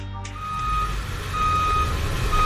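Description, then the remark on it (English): A truck backs up and dumps Duraberm rock, an alternative to limestone, in a driveway: a heavy engine rumbles steadily while a high reversing alarm beeps repeatedly in a regular rhythm, with a rough low grinding as the load is dumped. “Hey, Bob, what's that he's dumping in your driveway?”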